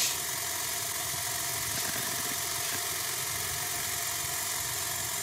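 The engine of a stopped car idles steadily and continuously, a low mechanical hum with faint vibration that holds at an even level throughout, with no voices.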